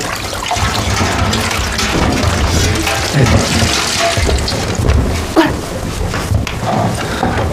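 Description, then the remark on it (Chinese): Hot water pours steadily in a continuous, hissing splash that holds at a fairly loud, even level throughout, with a few soft knocks and thumps mixed in. Nobody speaks. “快点， 你先倒热水。”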